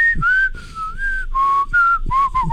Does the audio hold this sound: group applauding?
no